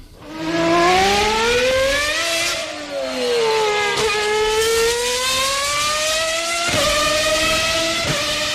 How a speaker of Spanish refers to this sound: 1, misiles, parecido. 2, coches de Fórmula 1, 3, fuegos artificiales o 4, narvales jugando. La 2. Sí. Coches Fórmula 1, efectivamente, fantástico.